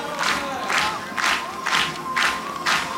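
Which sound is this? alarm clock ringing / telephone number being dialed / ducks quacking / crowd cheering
crowd cheering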